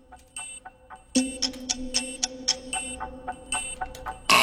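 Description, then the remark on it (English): A quiz game buzzer sounds before an answer could be submitted, a steady, harsh electronic tone over rapid ticking clicks, ending in a sudden louder burst. No one speaks. “Now we got buzzed before you could submit an answer.”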